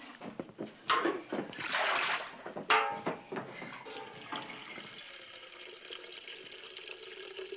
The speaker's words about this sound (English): Pour the water, Mordecai, before it gets cold. I want the gentleman to be comfortable.